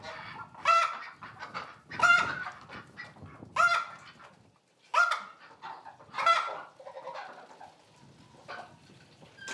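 Ducks and geese shut inside a sheep barn on a Hallig island honk loudly in a series of five harsh calls about a second apart, then settle into softer, overlapping quacking and chatter, with no one talking.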